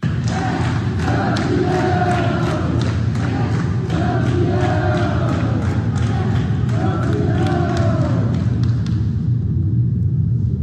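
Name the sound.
hospital staff applauding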